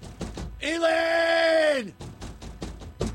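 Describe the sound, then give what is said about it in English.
Irregular heavy pounding on a door at a radio station, with a few dull thuds on either side of a loud, sustained groaning tone that drops in pitch as it fades out. “pounding on the door”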